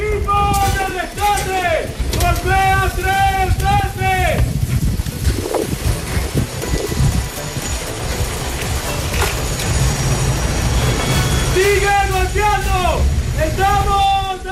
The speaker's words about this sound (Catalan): Són els crits dels equips de rescat buscant supervivents sota la runa del terratrèmol, del doble terratrèmol de la setmana passada.